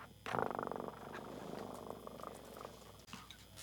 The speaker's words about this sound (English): I hear my cat purr.